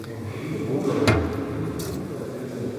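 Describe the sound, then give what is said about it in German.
A key, one of two tried, turns in the lock of a small door at the foot end of a reliquary shrine in the Konradkirche with one sharp, crisp click, followed moments later by a brief faint rattle, against a low, steady background hum with no talking. “Zwei Schlüssel für die eine und die andere Seite und eine sollte passen, genau.”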